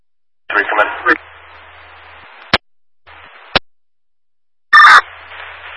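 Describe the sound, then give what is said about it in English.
Radio dispatch alert tones come through a hissing, band-limited channel: a short tonal burst, sharp squelch clicks, then another loud tone burst, with no spoken message following. “Receive tones, but no message.”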